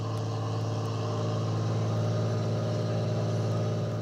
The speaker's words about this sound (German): Ein knappes Dutzend Boote fährt aus, um die Netze, die nahe der Küste fixiert sind, einzuholen. Und da sind die ersten.